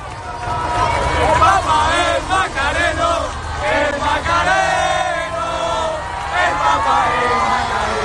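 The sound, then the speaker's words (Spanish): A large crowd shouts and chants together in a loud, continuous roar as the Pope's Popemobile passes, many voices rising and falling in excited waves with no pause. “Así gritaban al paso del Papa Móvil.”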